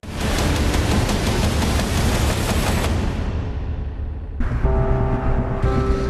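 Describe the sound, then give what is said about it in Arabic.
A dense, loud roar of rapid gunfire and exploding bombs crackles continuously with heavy rumbling underneath, amid the rubble of buildings and houses, then the din settles into a steadier noisy wash with a low sustained tone for the last couple of seconds. “من هدوء ما قبل عواصف الاشتباك، وعلى وقع زخات الرصاص ودوي القنابل، من بين ركام الأبنية والمنازل، وعلى صوت نداءات المستغيثين”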